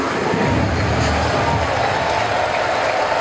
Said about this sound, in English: Now, there's nothing quiet about this crowd.